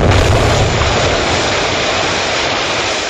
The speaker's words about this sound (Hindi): दिल्ली के central assembly hall में बम फेंकने की योजना बनाई गई। इस बम से जोरदार धमाका हुआ।